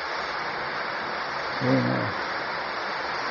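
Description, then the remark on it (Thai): Steady rain pours down as an even, continuous hiss that fills the whole stretch, with a brief murmured voice rising slightly above it midway. “ฝนตกแล้วนะ”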